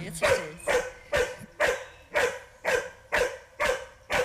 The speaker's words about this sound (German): Und der Wunsch ist jetzt, dass sie sich hinlegt, da hat sie es angeboten, ne? Dass sie also, wenn sie später im Wald jemanden findet, sich daneben legt und bellt und nicht da drauf rennt.